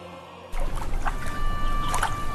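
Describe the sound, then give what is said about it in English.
Calm water of the Yudu River flows steadily after a brief moment of quiet, with a soft continuous wash and a couple of gentle splashing ripples. “Yudu River is so peaceful today,”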